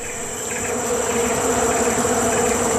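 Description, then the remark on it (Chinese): Bees buzz around a beehive found by a sun bear, in a dense, continuous drone of many insects. The hum is steady and fairly loud, swelling slightly after the first moment, with no voices. “这只马来熊似乎发现了什么，是一个蜂巢”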